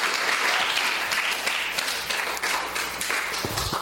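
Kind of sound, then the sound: crowd, audience applause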